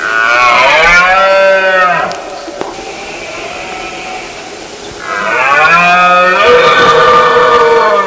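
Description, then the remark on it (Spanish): A male deer bellows twice during the rut: two long, loud, throaty roars, each lasting about two seconds with a rich harmonic tone, separated by a quieter pause of faint background noise. “Es la época del celo, del ciervo y el corzo, por el que el macho brama para llamar la atención de la hembra e imponerse ante el resto de la manada.”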